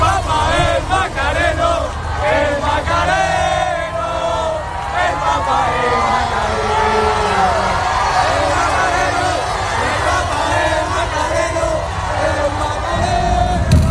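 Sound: crowd chanting a slogan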